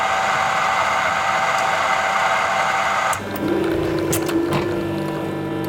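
A touchscreen coffee machine at a monastery whirs with a steady, dense mechanical drone for about three seconds, then shifts to a lower pump hum with a sustained tone and scattered clicks as it brews coffee.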